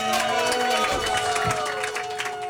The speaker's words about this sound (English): Everybody, start clapping and cheering for your host, Rhys Kidd!